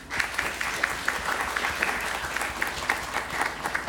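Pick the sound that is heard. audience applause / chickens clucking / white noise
audience applause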